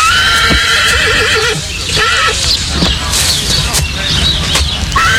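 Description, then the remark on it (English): A racehorse whinnies loudly and repeatedly, its shrill wavering calls rising over a steady background, with faint hoof clops underneath. “Whatever you do, don't bet on that horse.”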